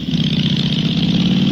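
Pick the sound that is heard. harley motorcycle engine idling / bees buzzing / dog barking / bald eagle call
harley motorcycle engine idling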